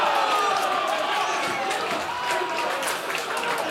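Slovak away fans of Slovan Bratislava roar at Strandvallen stadium in Blekinge, Sweden, cheering their 1-1 equaliser against Mjällby in the 78th minute of a Champions League qualifier; cheers and applause blend into a dense, continuous wash of noise with no break for the full few seconds.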